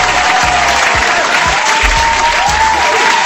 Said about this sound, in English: If you're right here, I want to give a round of applause to you.